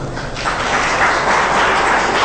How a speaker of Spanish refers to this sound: ¿Cuánto puede dar un fuerte aplauso al señor?